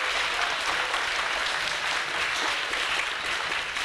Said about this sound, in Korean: 네, 좋은 강연 해주신 교수님께 다시 한번 큰 박수 부탁드리겠습니다.